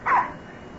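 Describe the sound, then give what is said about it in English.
A single short, fairly loud bark or yip from a female dog, one quick high-pitched burst that fades out, followed by quiet room tone with no talking. “She's a nice dog.”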